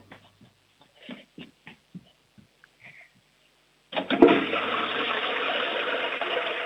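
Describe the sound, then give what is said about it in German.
A few faint clicks and knocks, then a home toilet flush, the louder of two toilets in the house, bursts in with a loud, steady rush of water that keeps roaring to the end. “Du, das ist eine tolle Klospülung”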